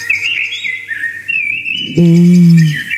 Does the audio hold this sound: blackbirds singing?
yes